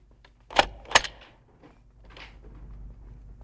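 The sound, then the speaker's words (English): Two sharp metallic clicks of a key as Gumbold locks up the office door, a moment apart, followed by faint shuffling and low background noise. “Gumbold is locking up the office door.”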